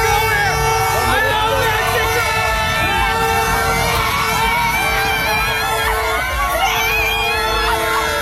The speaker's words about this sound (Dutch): Ja, hij werd helemaal ondergespoten met een soort nepsneeuw en kon geen woord meer uitbrengen door alle enthousiast schreeuwende fans daar.